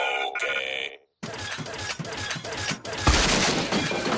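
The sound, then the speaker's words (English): A few electronic bleeps from a robot and a brief silence, then a loud burst of crashing, splintering and clattering debris as the robot crashes through a door while fetching a spade from the shed, building to a heavy smash near the end, with no voices. “It's not very good with doors yet.”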